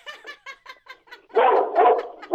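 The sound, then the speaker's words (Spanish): A small dog barks excitedly in quick, high-pitched yaps, about eight short bursts, then breaks into louder, denser barking with no one talking. “Mira, hasta el perrito se emocionó.”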